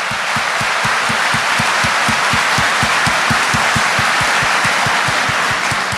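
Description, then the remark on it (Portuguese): A large audience applauds steadily for the whole stretch, a dense roar of clapping with a regular, quick beat of low thumps running underneath. No one speaks. “Você quer aplaudir?”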